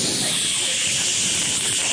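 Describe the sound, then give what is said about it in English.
A deodorant can with a stuck spray nozzle hisses loudly and continuously for two seconds as it is sprayed onto shirt armpits, a bright, airy rush of noise that holds steady throughout, with no voices. “Yeah, it's getting weaker. I'm pulling shirts off the floor, just spraying the armpits.”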